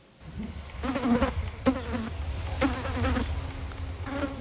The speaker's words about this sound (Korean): 며칠간 이어지는 이명이라고 생각했는데 발끝에서 파리가 맴돌았다.